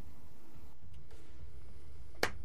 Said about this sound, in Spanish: Empecé a aplaudir, así alguien aplaude.